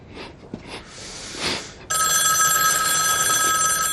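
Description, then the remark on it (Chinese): A few soft rustling bursts give way to a telephone ringing loudly, its bright electronic trill starting abruptly and sounding continuously until the end. “哎，你说这个电话会不会跟你做的事有关？”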